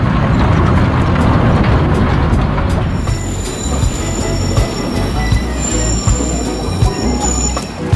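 A train rolls past a level crossing whose barrier is missing after a car broke it, with a loud, steady low rumble and rhythmic clatter, then high, thin wheel squeals ring out over the roar. No one speaks.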